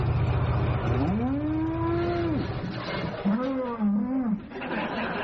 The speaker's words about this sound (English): It got hit by a car, which is the closest you get to a high-speed crash if you're driving a Trabant. Now, happily, both the bull and the driver survived the collision, but unhappily, the car, the Trabant, suffers damage